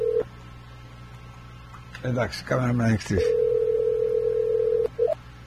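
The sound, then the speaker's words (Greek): A steady electronic telephone tone hums at the start, breaks off while a person speaks briefly, then resumes as a long continuous dial tone before cutting out near the end. “κλείσε και ξανακάλεσε με, σε παρακαλώ.”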